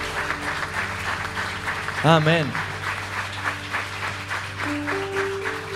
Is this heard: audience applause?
yes